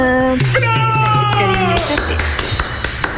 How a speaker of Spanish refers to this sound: Un aplauso, muy bien.